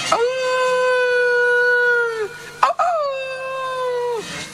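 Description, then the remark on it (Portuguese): Two long, drawn-out wolf howls on a snowy, freezing winter day, each holding a steady mournful tone for about two seconds before sliding down, the second following right after a brief break. Loud. “un día de inverno, nevaba, un frío que morría, un frío que valía para curar xamóns, escoitaban os lobos a ovear.”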